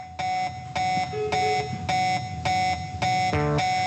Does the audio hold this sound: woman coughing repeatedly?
no